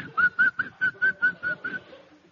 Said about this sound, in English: I noticed a man whistling.